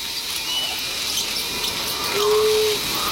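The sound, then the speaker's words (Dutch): A family group of small burrowing rodents, about 8 to 10 centimetres long, searching for food, gives a short, thin squeak near the end, with fainter high chirps earlier, over a steady hiss of background noise. “Ja, en hoor je ze nou ook? Ja, ze hoor je piepen niet. Hele mooie piepjes.”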